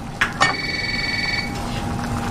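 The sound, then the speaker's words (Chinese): A phone rings with a steady electronic tone lasting about a second, preceded by two quick clicks, then fades into quiet room noise. No one speaks. “就接电话啊。”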